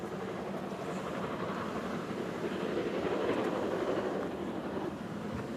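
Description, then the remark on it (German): Three class 01 steam locomotives, 010066, 01150 and 011066, haul a train out of Lindau on the 50-kilometre climb to Oberstaufen in a steady, dense roar of rolling noise and machinery, fairly loud and continuous, swelling slightly in the middle with no voices. “Vielmehr sind es gleich 3 01er, die jetzt vorne am Zug hängen.”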